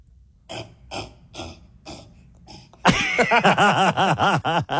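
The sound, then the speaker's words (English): A person imitates a cassowary call: a few short breathy huffs, then a loud, throaty vocal warble pulsing in quick rising-and-falling swoops for nearly two seconds. “I'm curious, before we let you go, can you do a cassowary? Do they make a noise?”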